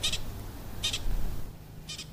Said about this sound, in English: Hear that? That's a pasha. Pika. That's an alarm call.